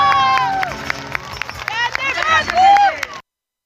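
A lively crowd claps and cheers loudly, with scattered sharp claps under overlapping shouts and whoops, cutting off abruptly after about three seconds.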